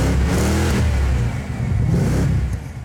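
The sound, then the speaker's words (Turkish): A deep 5-litre V8 engine exhaust of a convertible car roars steadily and loudly, its low rumble swelling with revs around the middle before settling back, with no voices present. “Egzozdan gelen o 5 litrelik V8 çağlaması kesinlikle harika.”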